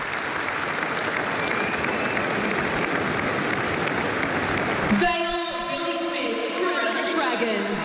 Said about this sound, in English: Please stand if you are able and join us in a moment of applause as we honour the life and legacy of the great Billy Smith. So the applause, which is fantastic, a nice way of doing things these days to pay tribute.